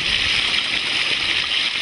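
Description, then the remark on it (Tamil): Water flows steadily and fast through a field channel, a continuous rushing and gurgling hiss that stays even in loudness for the whole stretch, with no voices over it. “இப்பதான் தண்ணி ஓட்டமா ஓடுது.”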